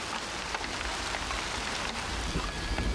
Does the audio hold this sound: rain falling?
yes